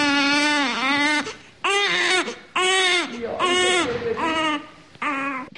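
A newborn baby in the newborn ward of the Szeged Gynecology Clinic cries loudly in a series of about six strained, wavering wails separated by brief gasping pauses, with no one talking.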